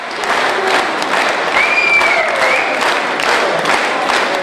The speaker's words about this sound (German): So war der Applaus am Ende riesig. Die Zuschauer erhoben sich sogar von den Plätzen und zeigten so ihre Begeisterung.